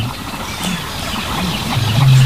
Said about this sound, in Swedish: Men vi hör, ja, en ny art faktiskt, skäggdopping. Ja, just det. Det är lite strävan. Precis. Skällandet.